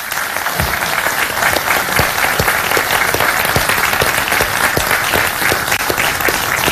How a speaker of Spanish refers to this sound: Y por eso también quiero darle las gracias a todos los trabajadores y trabajadoras del gobierno regional de Valparaíso, para quienes pido un cariñoso aplauso también.